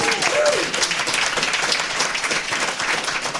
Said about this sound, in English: So everybody in the room, give the listeners back at home a big hello and a round of applause for yourselves and for them. Linux Fest, let's hear it.